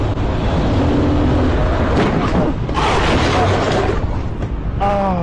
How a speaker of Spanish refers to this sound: Va un motociclista por el acotamiento. Y un carro da la vuelta a mano derecha. Se lo lleva, güey. Machín, ¿no? Pero aquí lo que vale la pena es el golpe, escuchen.